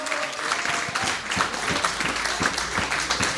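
A crowd applauds steadily for a cyclist who finished fourth in the Race Across America, many hands clapping together in a dense, continuous patter with a few sharper claps standing out, fairly loud throughout with no voices.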